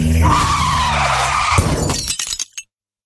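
Car tires skid with a long, high squeal lasting about a second and a half, then a sudden loud crash with scattered breaking and clattering debris that quickly falls silent, as a car driven by someone texting while driving hits a pedestrian.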